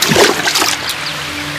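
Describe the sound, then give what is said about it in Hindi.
A single loud, heavy splash of Bhartrihari plunging into a river, bursting up and washing out over half a second before fading into quieter lapping against a steady low hum. “सामने एक नदी थी, भर्तहरि नदी में कूद पड़े।”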